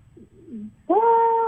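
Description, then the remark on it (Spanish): A person vocally imitates a camel drinking water: a short, low gurgling murmur, then a sustained nasal, moaning tone held for about half a second, fairly loud. “Sonido del camello cuando toma agua.”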